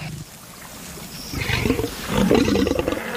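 A lion roars in deep, rumbling growls that build in two surges, the second louder and harsher, over a steady low background rush with no voices. The lion is alarmed as a Nile crocodile tries to approach its kill.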